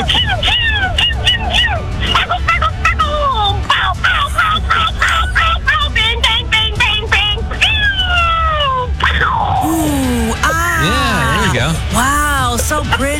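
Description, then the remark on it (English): A voice imitates fireworks, a fast stream of sputtering chirps like a lit fuse, then rising and falling whistling swoops like rockets, performed loud without pause. “That sounds like the fuse, by the way. That's how it's starting.”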